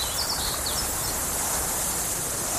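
An open grassland ambience with a steady, dense hiss of insects, plus a few faint bird chirps near the start. No one speaks.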